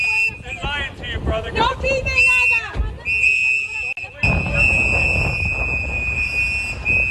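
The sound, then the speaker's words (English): Shrill, sustained whistles blare almost continuously as activists in New Bedford blow whistles, and several voices shout over one another outdoors, telling a handcuffed man not to talk to officers as masked agents place him into a black SUV, with rumbling wind noise buffeting the microphone throughout. “The sound from activists blowing whistles and telling the handcuffed man not to talk to the officers.”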